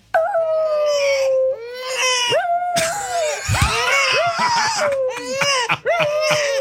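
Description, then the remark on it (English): A small dog, Butters, a dachshund (wiener dog), howls in long wavering wails while a baby cries loudly alongside it, the two voices overlapping in a continuous, rising and falling duet. “So when she cries, Butters howls. And Butters is like a wiener dog.”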